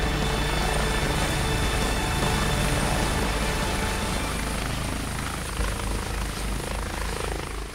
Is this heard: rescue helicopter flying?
yes